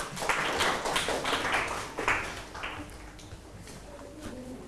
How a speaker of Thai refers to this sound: ปรบมือให้หน่อยครับ